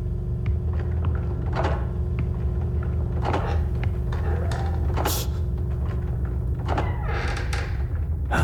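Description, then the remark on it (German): Old wooden floorboards in an old house creak and thud under slow, careful steps as someone sneaks away quietly, several separate groans and knocks spread over a low, steady rumble, fairly loud. “Und pass auf, die Dielen knarzen so.”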